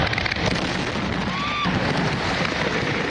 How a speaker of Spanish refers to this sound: Explosión incontrolada hacía que los cohetes salieran en todas las direcciones, provocando incluso pequeños incendios de vegetación y 5 heridos leves.